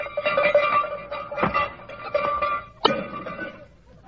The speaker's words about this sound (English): Sleigh bells jangled.